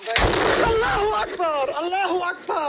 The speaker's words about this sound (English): And then, almost exactly 1 minute after the video starts with medics gathered around the wounded, another explosion. The woman shouts in disbelief. The image shakes. When the smoke clears, you can see more bodies.